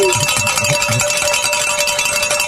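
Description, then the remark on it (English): Bells ring continuously in a bright, clanging, metallic wash with a steady sustained tone, rung to celebrate pledges, while a few low thumps pulse underneath in the first second. “I think this is the latest we've rang the bells.”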